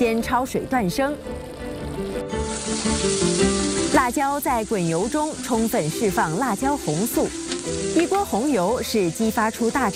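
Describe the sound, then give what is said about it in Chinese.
Chili peppers sizzle steadily in hot oil, releasing their red colour to make a pot of red chili oil for cooking pork intestines, a continuous bright crackling hiss that carries through the whole stretch while a voice talks prominently over it. “辣椒在滚油中充分释放辣椒红素，一锅红油是激发出大肠香味的法宝。”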